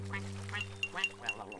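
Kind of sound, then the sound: animal, duck quacking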